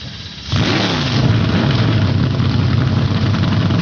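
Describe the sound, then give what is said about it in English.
After a brief hush, about 29 ARCA Menards Series stock cars at Lime Rock Park fire up their engines almost at once on the command to start engines, becoming a loud, sustained, rumbling roar with uneven revving that stays steady to the end. “Some 29 ARCA Menards Series machines come to life.”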